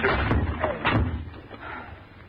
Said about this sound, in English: Give me a hand with this door. Well, what was it? Come on, come on. Put your shoulder to it.